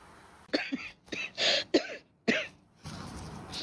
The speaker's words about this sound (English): I'm sorry, coughing so often, but as long as the world still has heavy karma and we cannot clean it all up yet, this cough I have to carry. But it's clear, it's clean, it's not contagious or anything.